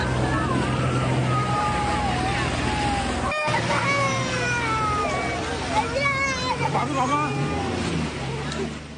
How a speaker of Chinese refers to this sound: 收到消息后，附近的消防舟艇、摩托艇一齐向孩子的方向飞驰而去。